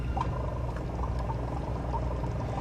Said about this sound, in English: Step one, connect air pump to water chamber using silicone tubes. Position incandescent lamp 2 to 3 centimeters from water chamber. You turn on this lamp. You turn on the air.